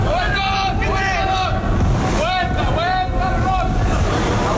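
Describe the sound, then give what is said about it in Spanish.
Football match between Real Madrid and Alcorcón, played behind closed doors at the Alfredo Di Stéfano stadium in Valdebebas: steady wind-like rumble with no crowd noise, broken by scattered loud shouts and calls from players, some rising and falling in pitch. “Este era, por ejemplo, el sonido en el Alfredo y Estefano de Valdebebas.”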